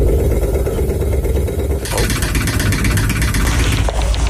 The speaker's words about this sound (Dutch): Zo klinkt het bij sommige woningen rondom bedrijventerrein Gemmelot in Geleen afgelopen weekend. Vrijdag begon daar groot onderhoud aan een aantal technische installaties.